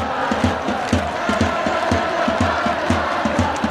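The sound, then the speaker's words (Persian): A huge crowd of over 100,000 flag-waving fans roars and shouts in the square in front of the Royal Palace in Oslo, Norway, welcoming the national football team, in a dense, steady wall of voices with a regular low thumping beat about twice a second, like rhythmic chanting. “بیش از 100,000 نفر میدان مقابل کاخ را پر کردند با پرچم‌های در دست و فریادهایی که تلخی شکست مقابل انگلستان را برای واکینگ‌ها از یاد می‌برد.”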